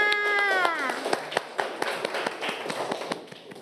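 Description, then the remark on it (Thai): A group of children claps for a classmate after a group presents its future dreams, scattered uneven claps for a few seconds, starting just as a voice finishes speaking. “ปรบมือให้กับเพื่อนค่ะ”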